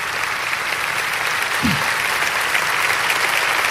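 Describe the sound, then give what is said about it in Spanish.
Steady, dense audience applause given to Jesus fills the whole stretch, a broad wash of many hands clapping at an even loudness, with a brief low murmur partway through. “Dáselo a Jesús, porque si alguien merece un aplauso es nuestro Salvador y Señor.”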